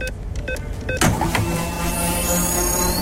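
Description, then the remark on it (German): A Radio Regenbogen sound effect of a free fuel card being topped up during the programme: a quick run of short clicking beeps, then a steady mechanical whirring with a rising whine running to the end. No one speaks. “Sobald ihr hört, wie wir sie hier mitten im Programm aufladen. So klingt das.”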